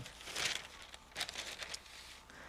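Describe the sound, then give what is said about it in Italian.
Newspaper pages rustle and crinkle in a few short, papery bursts as a newspaper is folded and set aside. No one speaks. “E con questo mettiamo da parte il Corriere della Sera”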